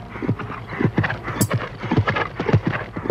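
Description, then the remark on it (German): Several ridden horses clip-clop past in a quick, steady rhythm of hoof strikes on a hard surface, loud, with the hoofbeats overlapping as they ride by. “Sind doch gleich vorbeigeritten.”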